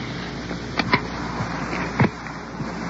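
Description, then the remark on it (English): Dull clunks and rustling movement as car doors open and shut and people climb out of a car that has pulled into the curb on a street, with two louder thumps over a steady background hiss and no talking. “Now we're pulling into the curb, and in just a moment we'll get out of the car.”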